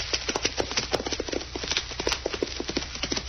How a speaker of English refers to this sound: What is it? A rider coming back this way.